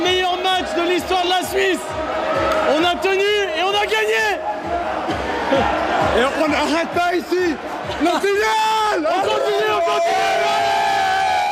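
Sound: football fans cheering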